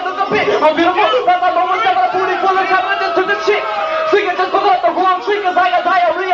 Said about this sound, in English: That is him getting booed by the entire crowd in the early days.